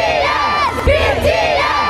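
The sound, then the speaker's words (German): A huge K-pop concert crowd of more than 70,000 people in Munich screams continuously, a dense wall of high-pitched shrieking voices with rising and falling wails, loud and sustained for the full two seconds. “Und gleich eine Band, auch K-Pop, die hat gerade erst mehr als 70.000 Menschen zum Schreien gebracht.”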